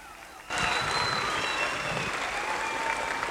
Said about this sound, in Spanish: Por favor, recibamos con un fuerte y caluroso aplauso al maestro José Luis Martínez Ríos.